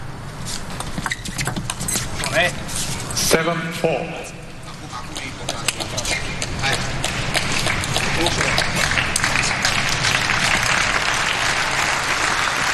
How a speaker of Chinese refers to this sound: 现场的观众也在给东道主组合报以更多的掌声，来给他们加加油。